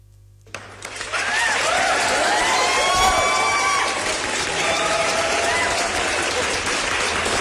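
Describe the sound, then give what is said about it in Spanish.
Loud audience applause for a tango duo and its singer starts abruptly after a brief quiet moment and keeps going steadily, mixed with whistles and cheering voices from a sizable crowd. “Fuerte el aplauso, por favor.”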